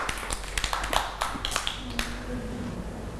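A small group of children claps in a loose, uneven patter that thins out and fades after a couple of seconds, with a faint hum in the background.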